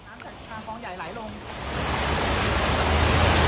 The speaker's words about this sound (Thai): จังหวะน้ำไหลข้ามถนนรังสิตนครนายกลงคลองรังสิตประยูรศักดิ์ก็คือจะข้ามจากฝั่งนึงมาฝั่งนี้แล้วก็ลงสู่คลองรังสิต